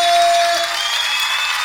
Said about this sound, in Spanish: chicas, ahora sí todo el mundo, en vivo las palmas de fuerte.